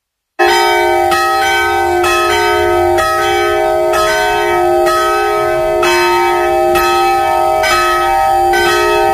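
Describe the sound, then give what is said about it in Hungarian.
The church bells of the Reformed church in Radoscsány ring at noon, steadily and loudly, with repeated strikes roughly every second or so blending into a sustained, resonant harmonic hum; no voices are heard. “Pontosan déli harangszóra érkeztünk ide a Radoscsányi református templomhoz”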